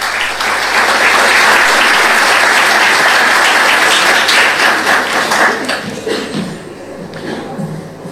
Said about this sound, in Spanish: Lo recibimos con un aplauso.